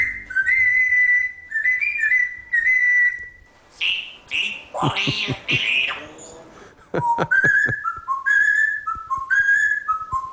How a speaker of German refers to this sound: Darf ich vorstellen, hier ist Papagei Jakob mit seinem Lieblingslied.